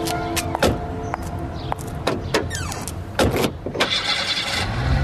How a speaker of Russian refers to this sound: Залезай в машину, поехали.